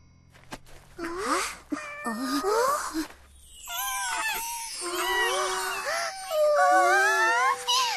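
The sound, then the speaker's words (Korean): Several cats behind a house meow and yowl in overlapping, drawn-out cries, loud, with wavering pitches rising and falling over a few seconds and no talking. “우리 집 뒤에 고양이들이 있어!”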